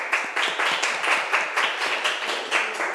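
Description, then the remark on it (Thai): A class of students claps together for a classmate in dense, steady applause that continues evenly for a few seconds, with overlapping hand claps forming a broad, bright rattle and no voices standing out. “ค่ะเก่งมากปรบมือให้เพื่อนหน่อย”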